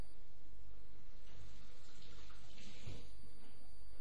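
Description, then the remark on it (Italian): Lukewarm water for dissolving yeast runs steadily from a tap for several seconds, a continuous soft splashing hiss with no voices, fairly quiet. “Per cui scioglilo in acqua tiepida.”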